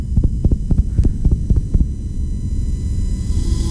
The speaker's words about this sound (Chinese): 甚至被抓住之后的心跳声。